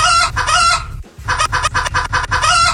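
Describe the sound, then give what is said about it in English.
A rooster crows loudly, a long harmonic call that breaks off briefly before a second crow with a choppy, pulsing rhythm. No voices. “That's just a rooster.”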